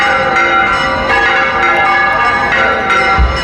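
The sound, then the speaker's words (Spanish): The bells of the sanctuary of the Blanca Paloma in the village of El Rocío ring together in a dense, sustained peal. Their overlapping tones blend into a continuous metallic wash with no speech, fairly loud throughout. “Esto que escuchan es la historia de una llamada, la curiosa historia detrás de las campanas del santuario de la Blanca Paloma en la aldea del Rocío.”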